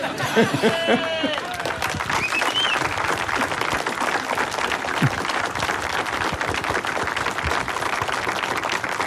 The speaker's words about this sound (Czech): Na radu Zdeňka Svěráka čekám na potlesk, aby dozněl. Ten teď patřil Miloni Čepelkovi.